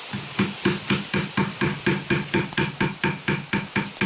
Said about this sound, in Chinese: 刚才大家听到的声音是黑刀凿入木层打磨木面的声音，就是我们佛山木雕独有的工艺声响。一刀一凿就藏住几百年的岭南工艺底蕴。